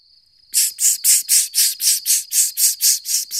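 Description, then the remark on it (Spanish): A cicada buzzes loudly in a steady, pulsing rhythm, about a dozen rasping bursts after a faint thin whine at the start, with no voices present. “Knippi, ¿qué es eso? ¡Ah! ¡La cigarra! ¡Una cigarra!”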